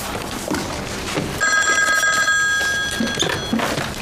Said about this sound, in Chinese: 电话。